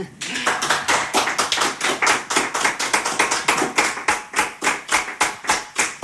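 An audience applauds steadily, a dense crackle of many hands clapping that grows into a more even, rhythmic beat toward the end, with no voices over it.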